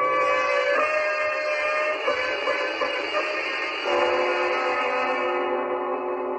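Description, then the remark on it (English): A steady electric hum drones on without a break, coming from downstairs below in a house, a layered buzzing tone with several overtones that shifts slightly in pitch now and then. No one speaks. “And between his wife's terror and the electric humming from below, Mr. Morris felt a great fear.”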